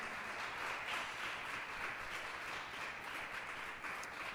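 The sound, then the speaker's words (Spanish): A crowd applauds for God, the King, dense overlapping claps forming a continuous, fairly loud wash of noise that holds an even level throughout, with no voices on top. “Dele ese aplauso al Rey, ya que siente dárselo.”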